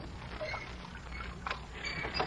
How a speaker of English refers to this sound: You row a boat beautifully